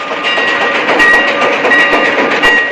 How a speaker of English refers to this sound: An old steam engine chugs its way through the western desert towards the frontier town of Shinbone.